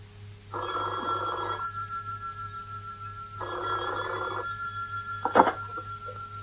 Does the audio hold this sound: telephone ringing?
yes